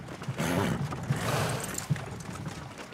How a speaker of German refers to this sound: geht das ein bisschen schneller? Das sind Pferde und keine Ferraris. Da bin ich ja zu Fuß schneller.